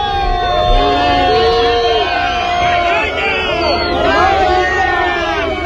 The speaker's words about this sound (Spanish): Malparidos, vergüenza, es lo que se gritaba en la acampada de Barcelona cuando les comunicaron que Junts iba a votar en contra de los decretos. Así sonaba.